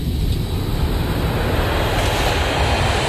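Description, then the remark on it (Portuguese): A steady, heavy roar of an airplane taking off, deep rumbling engine noise holding at a constant, fairly loud level throughout with no voices. “Ok, preparar para a decolagem.”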